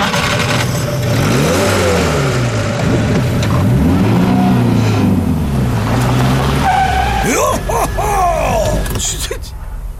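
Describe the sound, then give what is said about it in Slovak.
A car engine hums and shifts pitch as it drives on a road after dark, then tires screech loudly in a sharp skid as it brakes hard to a stop, nearly hitting a man standing on the road. “Skoro som vás zrazil, človeče.”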